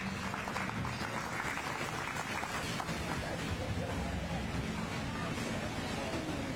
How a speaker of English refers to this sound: They're well enough presented to stay in that blue ribbon group. Let's give them all a round of applause.